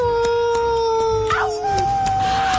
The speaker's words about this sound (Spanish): Nos trasladamos hasta el viejo oeste. El sol cayendo a plomo, un calorón. Los coyotes aullando a lo lejos.